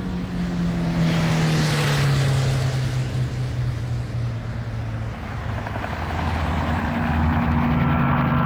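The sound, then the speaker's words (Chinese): A Ford car's engine starts and roars loudly and steadily, its pitch dipping and rising as the car drives off at speed toward Minggugong Airport, with no talking. “驾驶员问也不问，默契地发动车子，飞速朝着明故宫机场驶去。”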